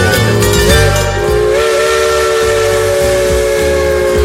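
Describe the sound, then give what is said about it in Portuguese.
A loud steam train whistle blows in a long, steady, multi-toned blast over a constant hiss of escaping steam and low chugging rumble, with no voices. “Senhoras e senhores, ocupem os seus lugares, vamos percorrer os trilhos da imaginação neste trem chamado Brasil.”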